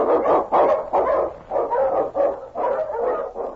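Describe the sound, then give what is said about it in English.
A husky sled dog, King, an Eskimo lead dog, barks excitedly in a rapid, steady string of about eight loud barks, one after another with no pauses and no voices, as it blazes a trail through storm and snow. “The Wonder Dog King, swiftest and strongest of Eskimo lead dogs, blazes a trail through storm and snow for Sergeant Preston as he meets the Challenge of the Yukon.”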